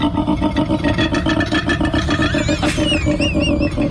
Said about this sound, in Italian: Senti, questo è un koala, Il koala è presente, un orsettino.